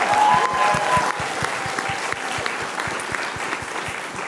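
Steady applause from an audience, many hands clapping densely and continuously for several seconds with no speech over it, with a brief high whistle near the start.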